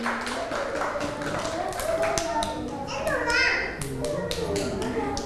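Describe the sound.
A group of children clap their hands in quick, scattered bursts, fairly close, with children's voices chattering and calling out over the clapping throughout.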